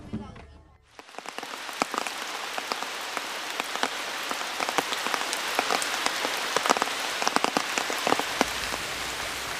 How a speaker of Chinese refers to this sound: 这几天是天天一上工就下雨，这样的话太耽误这个工期了。 虽然考古队急于得到标志性的信息，但是天公却不作美。进入十月以来，由于台风卡努的影响，文山地区进入了连绵的雨季。